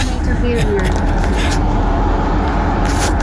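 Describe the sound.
Steady low rumble of a taxi driving, heard from inside the car, with constant road and engine noise, brief hissy swells of higher sound, and faint indistinct voices mixed in.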